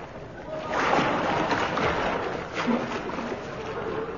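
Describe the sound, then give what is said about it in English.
Continuous watery splashing and sloshing of a river police constable swimming in the River Thames in London on a chilly winter's night, steady, with a constant wash of moving water and no voices. “It is a bit chilly, I admit, swimming. Still, we must guard our great river, the Thames.”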